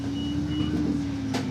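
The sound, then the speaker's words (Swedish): A large city bus idles at a stop at the main square of Dunkerque with a steady engine rumble and a constant low hum, then a short burst of hiss near the end, like air brakes releasing. No one speaks. “Jag stiger av bussen vid Dunkerques stora torg.”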